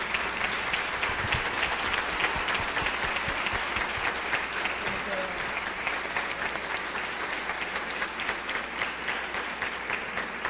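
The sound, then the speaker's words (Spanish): An audience at the Iglesia Bautista Betania applauds steadily for about ten seconds as the host pastor is invited up, a dense, even wash of many hands clapping at a constant loudness with no voices standing out. “Invito con todo el respeto y con un aplauso para la gloria de Dios al pastor”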